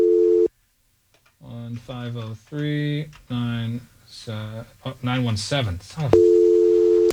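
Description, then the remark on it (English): A steady electronic telephone tone sounds briefly at the start, then cuts out while a voice is heard, and returns loud and continuous near the end, like a call connecting, as the caller phones a woman who does not answer. “let me call her real quick because I want to ask her if there's anything of mine”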